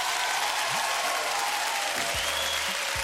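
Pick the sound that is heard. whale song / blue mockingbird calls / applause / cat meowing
applause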